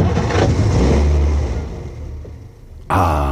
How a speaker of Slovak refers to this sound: Myslím, že to bude v poriadku, pán profesor. Chcelo to len menšiu údržbu. Počúvajte, ako krásne naskočí motor.